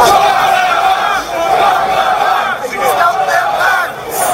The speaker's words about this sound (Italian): Bandiere dell'Inghilterra e del Regno Unito che sventolano ovunque. Un coro di voci che urla «Send them back», rimandateli indietro. Questa era la scena sabato pomeriggio a Portsmouth, una città sulla costa sud dell'Inghilterra,